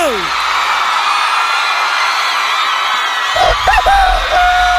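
A crowd applauds and cheers in a steady, dense roar, with loud whoops and yells rising toward the end and a sustained whistle-like tone cutting through.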